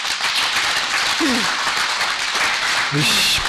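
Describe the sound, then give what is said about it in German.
An audience applauds in a steady, dense wash of clapping that fills all three and a half seconds, with a couple of brief voices calling out faintly beneath it. “Ich kann das verstehen, aber es bringt nichts, wenn Sie hier uns Beifall klatschen, weil es müssen ja die Fragen beantwortet werden und ich halte viele für berechtigt.”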